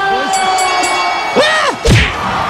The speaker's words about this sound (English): Wow, that's the fastest knockout in boxing history. The crowd goes wild.